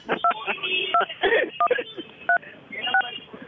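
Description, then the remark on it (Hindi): Five mobile phone keypad tones beep at uneven intervals, each short and clear, while a voice talks continuously underneath on a thin, telephone-like line. “अपने मोबाइल से कभी ये दबा रहे हैं, कभी वो दबा रहे हैं।”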